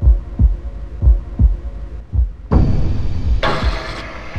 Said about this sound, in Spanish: Es un ejemplo de cómo Silent Hill recurre a los pulsos graves y envolventes para generar esa sensación de inquietud y presencia fantasmal que también buscaban esos DJs y productores del momento.